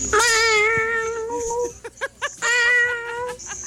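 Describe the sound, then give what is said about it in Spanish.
Two long, drawn-out meows with wavering pitch, separated by a few short, clipped chirping mews. The sound is fairly loud, with no talking over it. “Ese gato estuvo medio raro, pero está bien, es un gato.”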